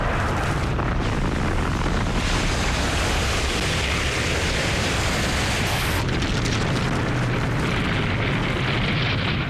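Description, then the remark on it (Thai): A continuous, heavy rumbling roar of volcanic eruptions and meteor impacts on the early Earth, with deep booms rolling through and a sharp surge near the middle, loud with no voices. “จากนั้นยังมีการปะทุของภูเขาไฟและการพุ่งชนของอุกกาบาตด้วย”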